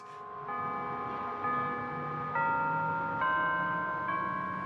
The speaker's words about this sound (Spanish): Unas 5,000 personas marchamos hacia la iglesia de Arlington Street. Al acercarnos, las campanas tocaban We Shall Overcome.